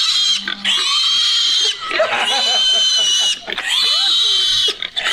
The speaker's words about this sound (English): Pig. That's my wife holding the pig in the field. And I posted that.